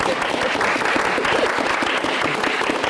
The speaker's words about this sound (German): Also da will ich einfach einen Applaus mal